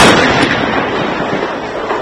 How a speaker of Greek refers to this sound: Κατά διαστήματα και μόλις πριν από λίγα λεπτά ακούγονται εκρήξεις, είτε είναι φιάλες προπανίου, οι οποίες μπροστά στα μάτια των ανθρώπων που ήταν εδώ είδαμε να εκτοξεύονται σε ακτίνα πολλών μέτρων.